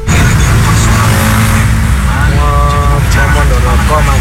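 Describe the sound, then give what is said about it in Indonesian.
Steady, loud road traffic in a jam at Mondoroko: heavy engines idling and rumbling with occasional revving, a brief horn-like tone midway, and voices talking over the din. “Mondoroko macet ini ya kondisinya.”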